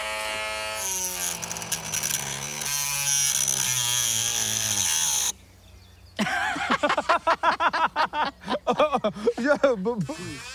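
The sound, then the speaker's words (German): A cordless drill whines steadily for several seconds, its pitch sagging as it grinds into a hard ostrich eggshell to open it, then cuts off; people talk afterward. “Kannst du keinen Akkuschrauber jetzt halten?”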